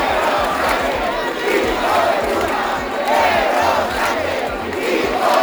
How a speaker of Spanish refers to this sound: Miles de personas han salido también a la calle aquí en Santiago al grito de Sánchez dimisión y entre insultos al presidente del gobierno.